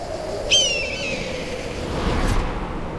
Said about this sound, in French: Waouh ! Quelle puissance ! C'est pas du petit battement d'aile de moineau qui vient de nous secouer les plumes. Le chant des cigales s'est arrêté net. C'est un aigle noir. Il est gigantesque.